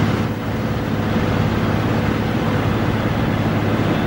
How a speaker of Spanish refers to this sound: Y así suena un avión Airbus A400M.